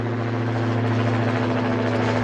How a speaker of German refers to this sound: Das Motorengeräusch hier beim Start der Drohne werden die Leute zusammen künftig also öfters hören.